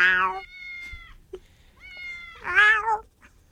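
A house cat meows twice, once at the start and again more loudly near the end, with softer drawn-out tonal sounds in between. It sounds clear, with no talking.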